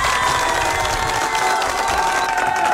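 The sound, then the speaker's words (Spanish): A crowd claps and cheers steadily for a DJ, a loud, dense wash of applause with excited shouts and whistles mixed in, sustained without a break through the whole stretch. “Te mereces un fuerte aplauso, DJ.”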